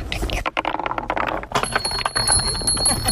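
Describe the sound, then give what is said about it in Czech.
Small bells on a marble run in a park in Zámostí, Česká Třebová, Czech Republic, ring out with thin, sustained high tones, mostly in the second half, over clattering rolling noises and voices of people talking. “Mně se líbí na tom, že nejsou k tomu i nějaký i ty zvonečky.”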